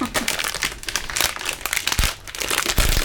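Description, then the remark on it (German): Underwear fabric crinkles and rustles in a steady run of irregular, bright crackling bursts, fairly loud throughout, with no one talking. “Knister, knister, knaster, das ist meine Unterhose, die da knistert.”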